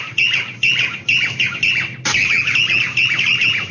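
A small bird calls repeatedly outside near a window, sharp bright chirps coming in a steady series of four, then a denser, continuous burst of chattering calls. Close and loud, with no talking.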